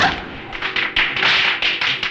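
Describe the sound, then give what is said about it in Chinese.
A quick string of sharp firecracker pops crackles in irregular bursts, fairly loud, with a hissy wash between the bangs and no voices. “你怕鞭炮声音？”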